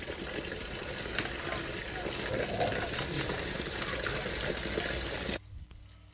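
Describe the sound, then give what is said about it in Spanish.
Water from a spring source in Gonzalo flows steadily, a continuous splashing rush that fills the first five seconds before abruptly dropping away to a quieter background. “Estamos ahora en Gonzalo, donde también es una fuente de agua que nos ayuda pues en estos momentos, y también hay desperdicios, hay algunos plásticos por ahí y abundante hojas secas”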